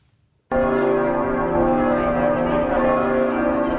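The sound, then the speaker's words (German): Church bells of Cologne Cathedral, heard from outside the cathedral on a Saturday at 8 a.m., burst in loudly after a brief quiet moment, ringing together in a dense, sustained peal with rich overlapping tones and no voices. “Noch läuten die Glocken hier nicht zum Geburtstag des Kardinals.”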